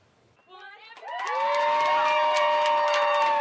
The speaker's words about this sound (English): These young golf fans are cheering on Brooke Henderson as she walks down the fairway at the CPKC Women's Open. This is the Brooke Brigade Junior Viewing Zone located at the Royal Mayfair's second green, a dedicated area that gives fans an up-close